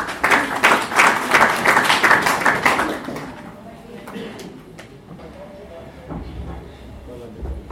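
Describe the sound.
A crowd breaks into loud, dense applause for a few seconds, then it thins out into scattered claps over a quieter background murmur of voices.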